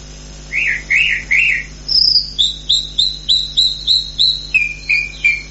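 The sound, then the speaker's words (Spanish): A chalk-browed mockingbird sings, starting with three buzzy, rolling phrases and then a run of about ten sharp, evenly spaced whistled notes, clear over a faint insect hum and low background drone. “Y nosotros recibimos el tren sonal siempre con el canto de la calandria, porque es la voz de la tierra, porque es el pájaro que tiene todos los pájaros, el pájaro orquesta, el pájaro que lleva en consonancia todos los trinos y todos los vuelos.”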